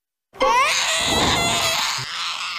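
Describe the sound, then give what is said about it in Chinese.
A baby wails loudly, one sustained, strained cry that starts abruptly and continues without pause for about two seconds, with no talking. “哄哄他， 你去哄他， 你哄我。”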